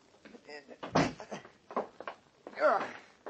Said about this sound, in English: Close the door behind us